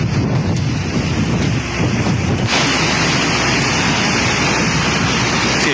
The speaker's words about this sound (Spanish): Se puede apreciar viento, se puede apreciar el agua, un cauce bastante grande, y se ve, veo a dos personas que están aparentemente en la zona alta de este carro, que están no pudiendo avanzar.